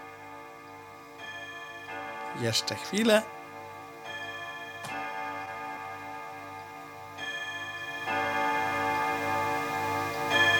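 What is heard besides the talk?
clock ticking and chiming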